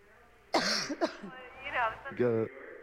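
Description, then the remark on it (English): A woman coughs sharply, followed by a second quick cough, then some throaty voiced sounds and a strained, harsh vocal burst near the end. “She's got a bad cough.”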